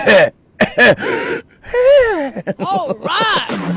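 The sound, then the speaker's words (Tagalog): A person coughs and clears their throat in a few short, loud bursts, followed by strained voiced sounds like groaning or muttering. “Ang ubo mo bala to may katapusan nga.”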